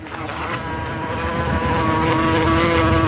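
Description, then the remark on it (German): Wasps fly in, buzzing in a steady, droning hum with a slightly wavering pitch, swelling gradually louder over about three seconds, on a hot, humid day of over 30 degrees in Potsdam. No voices are present. “Und in genau diesem Moment kommen sie angeflogen.”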